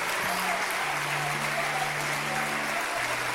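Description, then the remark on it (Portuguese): A church audience applauds the Lord Jesus for the people coming forward, steadily, a dense wash of many hands clapping at once with no pauses, while low sustained tones hum underneath. “Igreja, vamos aplaudir o Senhor Jesus por estas vidas que estão chegando.”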